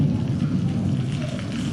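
thunder and rain

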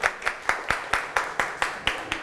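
children clapping hands

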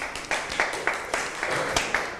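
classroom applause

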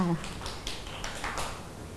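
children clapping hands

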